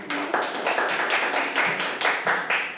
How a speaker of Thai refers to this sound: ขอตัวแทนนักเรียนกลุ่มที่4ออกมานำเสนอทางด้านหน้าเลยค่ะนักเรียนปรบมือให้กับเพื่อนค่ะ